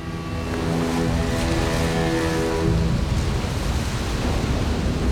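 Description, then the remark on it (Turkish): A steady, dense roar of a 50-metre-high waterfall, the largest in Paraguay, a broad unbroken rushing noise that holds loud and even throughout, with a faint low hum underneath during the first half. “Yüksekliği 50 metre. Paraguay'ın en büyük şelalesi.”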